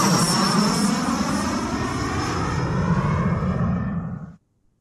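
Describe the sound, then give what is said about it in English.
A loud, steady engine roar of a plane waiting to fly passengers to Las Vegas, with a high whining tone on top, droning continuously before cutting off abruptly near the end. No one speaks. “I am on my way to a plane waiting to take us”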